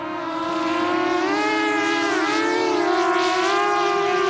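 A drone from the Munich start-up Titan Technologies buzzes steadily overhead in the evening sky above Chancellor Merz and his cabinet in the palace park of Neuhardenberg. Its loud, whining propeller hum rises and dips slightly in pitch as it hovers and shifts. No one speaks.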